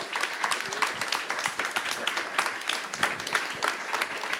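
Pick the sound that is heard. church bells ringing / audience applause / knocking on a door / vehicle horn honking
audience applause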